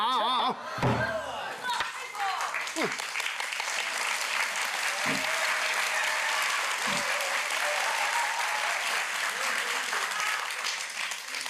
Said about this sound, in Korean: 박수를 자주 치면 건강에도 좋다고 합니다.